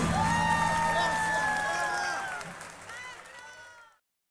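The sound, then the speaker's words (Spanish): A crowd applauds and cheers for a harmonica player, with whistles and shouted whoops rising over steady clapping that gradually fades out after about four seconds. “aplauso fuerte para Rama Maidana en armónica”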